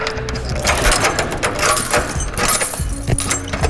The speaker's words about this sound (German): Ich habe jetzt hier einen Schlüssel mitgebracht. Das ist der weiße Schlüssel.